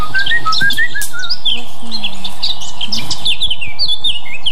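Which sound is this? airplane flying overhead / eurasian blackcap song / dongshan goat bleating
eurasian blackcap song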